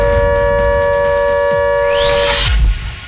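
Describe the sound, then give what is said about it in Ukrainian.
A loud air raid alert siren from the warning system blares with a steady, sustained wail, joined by a rising whine near the end before it cuts off abruptly, with no voices. “Так, друзі, дуже важливе нагадування від системи оповіщення, щоб ви зараз знаходилися у захищених місцях і подбали про безпеку свою та своїх близьких.”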